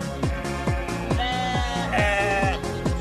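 sheep bleating

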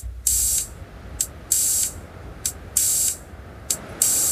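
synthesizer filter noise hissing

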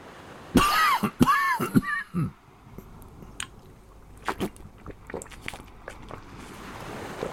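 coughing

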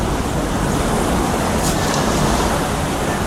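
sea waves

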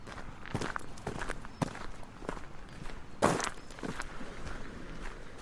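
footsteps walking

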